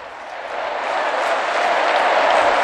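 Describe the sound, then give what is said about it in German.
Loud, dense applause from a large crowd of young people at the Stade de France for Pope Leo, a steady roar of many hands clapping that swells slightly and holds without pause throughout. “Tosender Applaus für Papst Leo”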